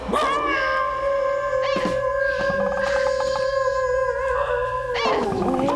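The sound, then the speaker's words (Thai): A person imitates a dog's howl: one long, steady, loud wail held for several seconds, then sliding downward at the end, with no talking over it. “เฮ้ยฉันว่าไม่ใช่ว่าฉันหอนไม่เหมือนหรอกพี่แกนหูเพี้ยน มันเหมือนผีอะ”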